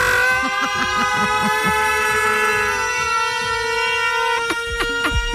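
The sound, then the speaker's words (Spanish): A loud, sustained siren horn blares with a steady, buzzy harmonic tone for several seconds over a rapid low pulsing, ending with a few sharp bursts. “Atención, señoras y señores. Suena la sirena.”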